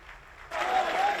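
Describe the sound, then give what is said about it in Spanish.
Audience applause swells abruptly after a softer opening, becoming a dense, sustained ovation of many clapping hands with a faint whistle riding on top, at the event where Florentino Pérez presented his candidacy for reelection as Real Madrid president. “Tras una gran ovación, Florentino se ha lanzado a la carga.”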